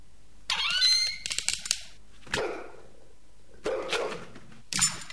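A heavy iron door creaks open with a high, strained metallic squeal, followed by a series of sharp clanks and rattling bangs in short bursts. No one speaks. It is the creaky iron door of a boiler room, being pulled open slowly.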